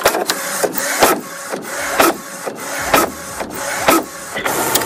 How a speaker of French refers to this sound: Voilà, l'imprimante, tout simplement, avec les feuilles à l'intérieur.